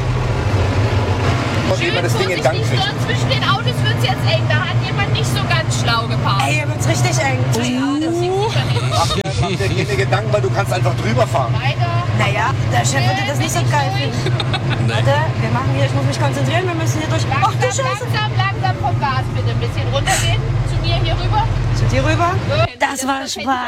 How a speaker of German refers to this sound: und jetzt geht's rauf auf den Traktor. Der wird von der kleinsten Frau am Platz jetzt gefahren